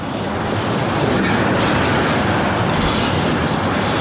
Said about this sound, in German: Ohrenbetäubender Lärm in der Kleinstadt Hürth bei Köln. LKW drängen sich über die größte Straße im Ort. Die Polizei hat die Lastwagen auf der nahegelegenen Autobahn 4 gestoppt und sie auf Umleitungsstrecken geschickt.